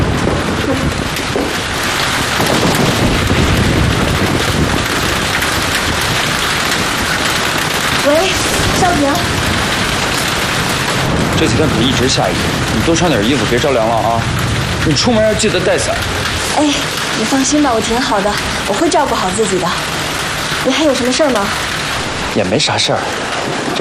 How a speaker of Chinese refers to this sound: 这几天可一直下雨，你多穿点衣服，别着凉了啊！你出门要记得带伞。